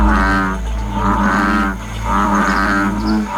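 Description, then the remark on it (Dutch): A frog croaks loudly in a steady, droning series of deep, buzzy calls that swell and fade in a slow rhythm, about three pulses, with no voices. “Het gaat in dit bulletin over deze vervelende kikker.”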